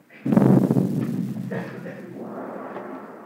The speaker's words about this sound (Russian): Что это? А это, вероятно, какой-нибудь купец самодур слезает со своей баржи, так вот в честь его салютует. Ох, как я испугалась.